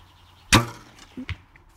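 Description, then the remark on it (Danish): An arrow is loosed from a bow in a backyard with a sharp snap, followed about a second later by two quieter knocks as it strikes the target, landing almost in the inner circle. No one speaks. “Så vil du ikke lige prøve at skyde en pil afsted mod målet, der står dernede?”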